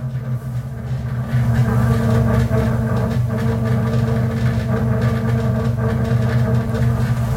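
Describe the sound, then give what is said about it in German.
A loud, steady low rumble from beneath a train in Warsaw, with droning engine tones and a constant mechanical hum that holds throughout, heavy, with no voices. “Kommt hier irgendwie aus dem Boden von dem Zug.”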